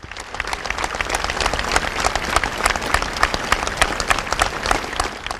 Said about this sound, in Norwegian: Da kongefamilien var på vei inn igjen, ropte en person heia kongen. Dette ble møtt med full applaus fra folkemengden.